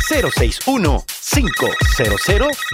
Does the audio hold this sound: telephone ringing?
yes